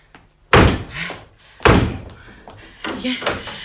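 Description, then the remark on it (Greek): Doors slam shut: two heavy, booming bangs about a second apart, each leaving a short rumbling decay, then a softer third knock as the sound settles. “Αυτές οι πόρτες μου πρέπει να κλείσουν μια για πάντα.”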